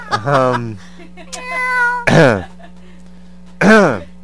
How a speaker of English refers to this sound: Meow, meow, meow, meow.